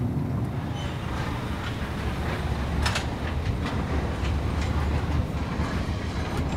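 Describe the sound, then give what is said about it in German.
Steady low rumble of a car-carrying train wagon rolling along the rails, with cars standing on it, a continuous clatter and occasional sharp metallic clicks, with no one speaking. “Hier jetzt immer eine Kontrolle von der Bahn, ob wir richtig stehen.”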